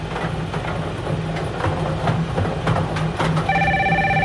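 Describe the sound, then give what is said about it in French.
A telephone starts ringing near the end of a bingo game, a steady electronic tone with bright harmonics, over a continuous low rumbling hum and background noise that fill the whole recording. “Alors, le téléphone sonne.”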